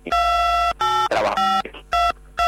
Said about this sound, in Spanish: Otra vez lo mismo, doctor. Ahí, como si estuviera marcando un teléfono, suena como las teclas. Bueno, ahí a ver, parece que de vuelta. No, puede ser que se lo acerque, está con el celular, por ahí capaz se lo acerca mucho la cara, doctor.